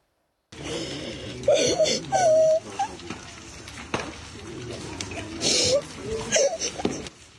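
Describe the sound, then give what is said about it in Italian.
A young child cries and wails in uneven bursts, rising into sharp sobbing cries with pauses between them, against a rough, noisy outdoor background, in front of the rubble of the child's former home at night in Kyiv, Ukraine, after Russian bombing, with flames engulfing the remains. “L'ennesima notte di terrore a Kiev rimbalza sui social, scandita dal pianto di un bambino davanti alle macerie di quella che una volta era la sua casa.”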